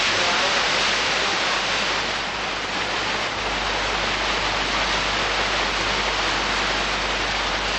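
A small mountain stream, the source of Huai Nam Kha, a headwater of the Yom River, rushes steadily down over rock layers deep in a valley of Doi Phu Rang Ka, a dense, continuous hiss of flowing water with no pauses or voices.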